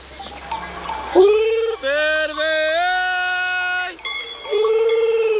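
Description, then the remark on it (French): A shepherd imitates a lamb's gurgling bleat to call his ewes on summer mountain pastures, giving several sustained, wavering calls in a row, fairly loud, with faint bells or high tones ringing in the background. “C'est le gargouillis de l'agneau. Et du coup, nous, on le prend pour appeler les brebis.”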